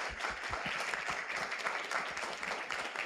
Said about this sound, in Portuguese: E eu quero pedir uma salva de palmas para vocês que saíram numa terça-feira à noite chuvosa para estarem aqui, tá bom?